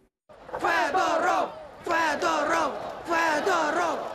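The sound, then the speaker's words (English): A large crowd in a square in Kyiv, Ukraine, chants in unison the ousted defence minister Mykhailo Fedorov's name and "Shame", protesting his sacking: three loud rhythmic repetitions of the same short phrase, each about a second long, separated by brief pauses. “A Kyiv square echoing to the sound of the ousted minister's name. Shame, shame, they chant.”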